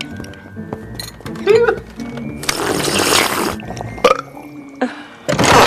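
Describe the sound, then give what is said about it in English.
A father slurps cereal milk straight from a bowl: a long, noisy, wet slurp lasting about a second, with a gulping, throaty sound before it, a light clink of the dish and a breathy sigh. “She sighs in disgust at her father slurping his cereal milk directly from the bowl.”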